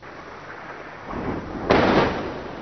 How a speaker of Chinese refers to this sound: 在黎巴嫩南部奈迈提耶，随着巨大爆炸声传出，远处升起滚滚浓烟。据黎巴嫩当局消息，以色列20日对黎南部奈迈提耶、盖纳里特等地发动空袭，造成多人伤亡。